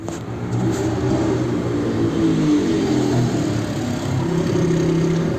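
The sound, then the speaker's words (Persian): A motorcycle engine runs as a motorcyclist suddenly approaches people waiting for a taxi, revving with a steady, throaty drone that holds at a fairly constant loudness for several seconds, with no voices over it. “فردای اون روز منتظر آژانس بودیم که ناگهان یه موتوری به ما نزدیک شد.”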